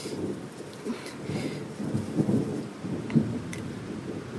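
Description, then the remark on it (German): Low, rumbling thunder rolls on through a storm, swelling and fading with a couple of louder cracks, while steady rain patters in the background. No one speaks. “Ist schon unheimlich, so ein Gewitter.”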